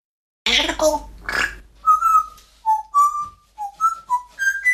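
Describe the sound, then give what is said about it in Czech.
A parrot gives a couple of raspy, gurgling squawks, then a string of short, clear whistled notes that hop up and down in pitch, fairly loud with no talking. “papoušku, ty zase budeš v rádiu.”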